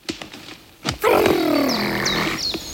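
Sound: bear growling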